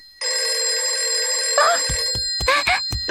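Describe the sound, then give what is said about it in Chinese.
A telephone rings loud with a steady, sustained electronic tone for over a second, then gives way to a few short chirping bursts and clicks; the call is expected from Grey Wolf but turns out to be an opening promotion from a fitness gym. “哎，这个灰太狼不是说了下去就给我打电话吗？”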